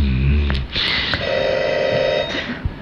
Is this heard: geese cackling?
no